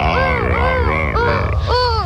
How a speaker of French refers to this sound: Je m'approche doucement d'un couple de lions et de lionnes. Oula, ils crient. Ils vont s'accoupler. Écoutez-les. Le lion est bien le roi de la jungle, comme tu peux l'entendre.